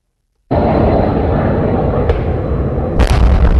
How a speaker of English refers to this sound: The sounds of missiles and explosions could be heard from NPR's Kyiv bureau for several hours